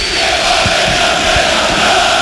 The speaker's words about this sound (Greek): Οι φίλοι του ΠΑΟΚ, οι πιο φανατικοί, όλο και πιο δυνατά φωνάζουν.